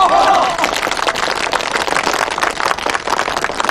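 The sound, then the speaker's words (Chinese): A crowd of villagers bursts into steady, dense applause for a man signing up to join the army, many hands clapping together in a continuous rattling wash that holds fairly loud throughout, with a brief voice-like tone at the very start. “他都报名参军，咱们大家鼓掌。”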